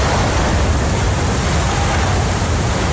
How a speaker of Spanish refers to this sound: Este era el momento en el que la tuneladora Mairit llegaba a la estación de Madrid-Río.